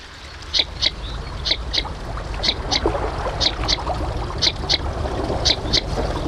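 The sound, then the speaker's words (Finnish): Northern shoveler calls in quick doubled notes, repeating steadily about once a second over a constant wash of water and outdoor background noise. No one speaks. “pääsemme kuulemaan nyt viikon luontoäänen. Se on lapasorsa”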